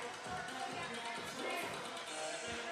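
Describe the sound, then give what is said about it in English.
A baseball crowd roars and applauds after a three-run homer gives the Black Bears the lead in the bottom of the fifth, a steady, dense wash of cheering and clapping that holds for a few seconds without clear individual voices. “As the fans, big roar, big round of applause as the youngster delivers.”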